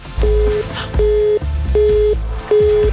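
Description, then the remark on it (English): A telephone busy tone from a contestant's engaged line: four evenly spaced beeps of a single steady pitch, switching on and off in a regular rhythm, heard clearly over a low background bed of music. “So the first person's line was engaged, which meant...”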